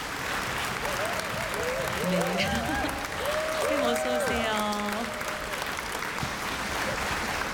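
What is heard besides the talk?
audience applause welcoming guests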